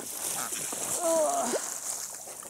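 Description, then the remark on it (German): Steady water splashing and sloshing fills the short recording, a continuous wet hiss with a brief tonal voice-like sound rising over it midway. “Wasser ist gut, ne?”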